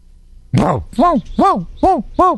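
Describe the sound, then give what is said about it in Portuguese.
A female dog vocalizes: one rough, breathy bark followed by four short, tonal yelping calls in an even rhythm, each rising and falling in pitch, loud and clear with no other sounds. “Cachorra e cavalo?”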